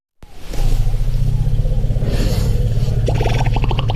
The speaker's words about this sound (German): Afrikanische Elefanten kommunizieren mit sogenannten Infraschalltönen, und zwar kilometerweit. So klingt es also, wenn wildlebende Elefanten sich zum Beispiel begrüßen.